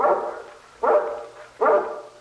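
A large mountain guard dog, of a breed nicknamed Sokol, barks three times at an even, unhurried pace, each deep bark loud and booming with a short echoing tail, with no one talking over it.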